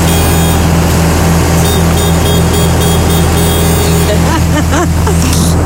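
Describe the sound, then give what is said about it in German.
A vehicle horn sounds loudly and steadily in a pulsing, repeated pattern over a low engine rumble, with brief voices coming in toward the end. “Magst du mal auf die Hupe drücken?”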